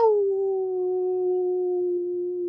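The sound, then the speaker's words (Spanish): A person imitates a wolf's howl with a single long, steady note. It starts slightly higher, settles, and holds clear for a couple of seconds with no other voices. “He dicho, he aullado y bendiciones para todos ustedes.”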